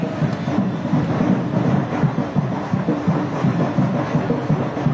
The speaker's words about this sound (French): C'est le cas de cette batucada que vous entendez derrière moi avec une foule immense qui a suivi le cortège.